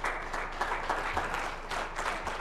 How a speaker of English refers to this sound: You are designed to go through the storm. Give God a hand clap for that.